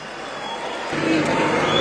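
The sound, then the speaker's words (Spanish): An audience bursts into applause and cheering as a guitarist and singer is introduced on stage, a dense wash of clapping and shouts that swells louder partway through and keeps going steadily to the end. “Aplausos a granelo.”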